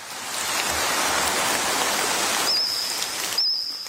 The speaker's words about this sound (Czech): Mezinárodní tým vědců zrekonstruoval zvuky jurského hmyzu, prapříbuzných našich kobylek a cvrčků. Jurský cvrkot podle nové studie mohl znít asi takhle.